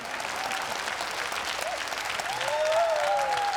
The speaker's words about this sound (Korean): 네, 우리 다시 한번 큰 박수 보내주시기 바랍니다. 100주년에도 함께해요.